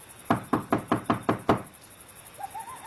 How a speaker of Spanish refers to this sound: Llamó a la puerta de la calle y salió a responder una sierva llamada Rode.